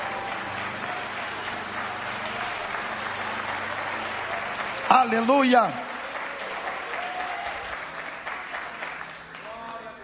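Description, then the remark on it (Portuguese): An audience at a worship service gives a loud round of applause, a steady, dense wash of clapping that fills the whole stretch, with a voice briefly shouting out over it midway before the applause tapers slightly. “Pode desocupar as vossas mãos e vamos dar uma forte salva de palmas.”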